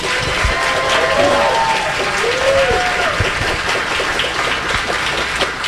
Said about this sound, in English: So thank you guys all for tonight and asking your questions and listening to the candidates. We can give them one more round of applause.